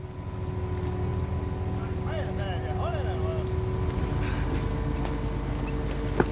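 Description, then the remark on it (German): A fully loaded mussel boat motors steadily back from a fjord after about six hours, its engine a constant low droning hum, with a few faint higher-pitched calls briefly rising above it partway through. “Nach gut 6 Stunden ist das Boot voll beladen und es geht zurück.”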